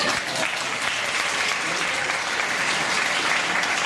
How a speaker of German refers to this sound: Wer ist die über 30? Mach mal einen Applaus.